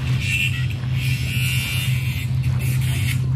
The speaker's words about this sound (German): Dieses Schleifgeräusch, gehört es zum Sound? Ach nein, das ist der Gärtner mit der Flex.